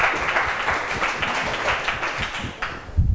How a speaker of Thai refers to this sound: ปรบมือให้เพื่อนกลุ่ม3ค่ะ